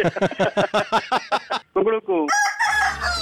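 A quick string of about ten sharp, clucking bursts leads into a rooster's rising crow, which gives way to a bright, sustained high-pitched tone at the end, marking a Radio Mirchi 'Mirchi Murga' prank call segment.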